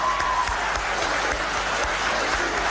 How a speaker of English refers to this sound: It requires quick thinking, a bit of wit, and let's just give a round of applause for all our impromptu speakers because it's impressive.